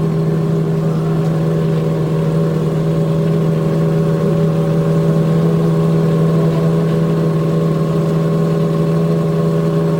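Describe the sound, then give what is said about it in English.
Race car engines at the Indianapolis 500, refired after a rain delay just before the start, idle in a steady, loud, low droning rumble with a strong humming tone and buzzy overtones, holding constant throughout without any voices. “they were told to stop, and just a minute or so later, they were told to refire.”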